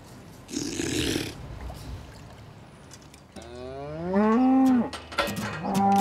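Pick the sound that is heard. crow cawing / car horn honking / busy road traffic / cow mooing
cow mooing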